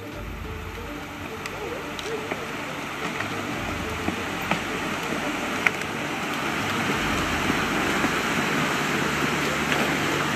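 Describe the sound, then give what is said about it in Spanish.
A sinkhole in Bayou Corn, Louisiana, caused by a collapsed mine, swallows earth and acres of trees: churning water rushes and gurgles steadily with a deep low rumble, a few sharp cracks and snaps rising above the continuous turbulent wash as it slowly grows louder. “Agua, tierra y acres de árboles han sido succionados.”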